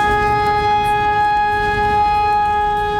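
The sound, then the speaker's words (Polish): A steady, sustained civil defense alarm siren holds several bright tones without pause, loud and continuous over a rumbling outdoor background, sounding in Wrocław, Poland, during the nationwide Alarm 2026 siren test exercise. No one speaks. “W całym kraju testowane są syreny alarmowe, które mają ostrzegać mieszkańców przed zagrożeniem.”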